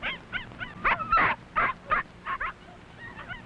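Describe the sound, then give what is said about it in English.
Several of the seven puppies of the small dog Mac yipping and squealing while playing with their mother, in quick, overlapping high-pitched bursts, with short yelps scattered irregularly over a few seconds and no talking. “They like to romp and play with their mother, and she is very sweet with her tiny puppies.”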